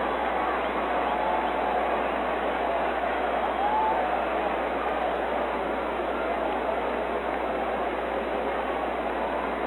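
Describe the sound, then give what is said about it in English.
A hometown crowd at a baseball game applauds the Eagles' pitcher Eddie Pumpernickel at his first plate appearance in the league, in a steady, unbroken wash of clapping and murmur that holds at an even, fairly loud level for the whole stretch, with no distinct voices standing out. “And he gets a nice round of applause from the hometown crowd.”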